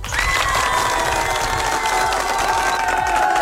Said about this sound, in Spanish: ¡Un fuerte aplauso!